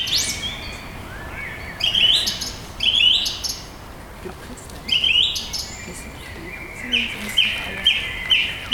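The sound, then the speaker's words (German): A thrush sings clear, bright phrases, repeating each short motif several times in a row, up to about nine times, with brief pauses between, distinct over a quiet background. “Genau, es ist nämlich eine Drossel.”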